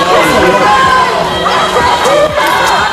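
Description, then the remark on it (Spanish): A dense crowd clamors continuously outside the Audiencia Nacional court amid heavy media and police presence, with several raised voices shouting angrily, including shouts of "sinvergüenza", over the loud, overlapping babble of many people. “Bajo una gran expectación de medios, tanto nacionales como internacionales, numerosa presencia policial y algún grito, como escuchan, de sinvergüenza.”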